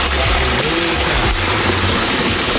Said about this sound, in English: And you can just hear it start to sizzle as soon as, like, he's only got maybe 3 inches, 4 inches of this thing dipped into the oil right now. And listen to that.